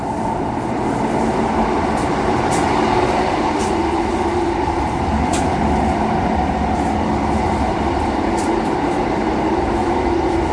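A subway train runs steadily through a narrow, cramped tunnel with a walkway along its side: a loud, continuous rumbling roar with a dense low hum and occasional sharp, high metallic ticks. No one speaks.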